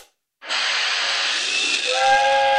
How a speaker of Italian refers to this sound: Ma che cazzo è un treno a vapore? Oh, il treno che esce dalla grotta.